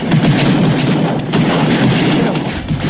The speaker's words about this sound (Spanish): ¿Eso qué son los fuegos artificiales de Boca Sur que hay en las noches? Pero ojo, no solamente en Boca Sur se escuchan esos fuegos artificiales, ¿eh? En otras comunas también.